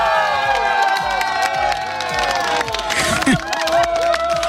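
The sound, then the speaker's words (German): A crowd in Katzdorf, Perg district, Upper Austria, cheers and shouts in celebration of the Katzdorf fire brigade winning 10,000 euros from Radio Oberösterreich: a dense, sustained roar of many excited voices with higher-pitched whoops and yells rising above it, and a loud burst near the end. “Seit kurz nach 8 heute früh ist nämlich in Katzdorf im Bezirk Perg Partystimmung.”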